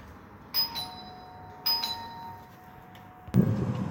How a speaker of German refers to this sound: Hier kommt der Sound einer Türklingel.